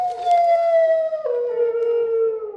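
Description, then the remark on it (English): A single long, mournful hound howl, loud, sliding slowly downward in pitch with a brief break midway, heard alone with no talking. “That's no ordinary dog. It's a hound.”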